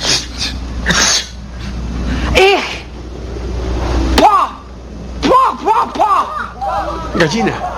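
Two sharp, explosive sneeze-like bursts burst out a couple of seconds apart, loud, followed by a run of short, rising-and-falling vocal noises and some background murmur.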